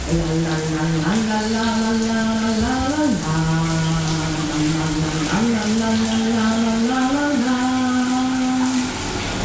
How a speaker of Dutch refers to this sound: Ja, tijd om het douchegordijn te gaan sluiten, want we willen het niet zien natuurlijk. Dan gaan we. De kraan die gaat aan